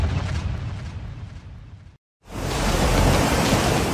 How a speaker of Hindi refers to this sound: लहरों का ये शोर डरा रहा है, साथ ही उस खतरे का भी साफ इशारा कर रहा है जो इन लहरों के साथ पुंछ के तमाम इलाकों में बढ़ता जा रहा है। देर रात से शुरू हुई मूसलाधार बारिश पुंछ के लोगों के लिए आफत लेकर आई है।